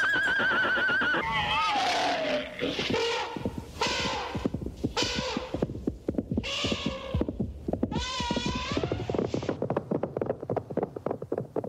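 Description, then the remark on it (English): Horses neigh and whinny in a series of loud, shrill bursts, one after another, over a steady clatter of rhythmic thumps like hooves that continues after the calls stop. “Give the nice horses some sugar cubes.”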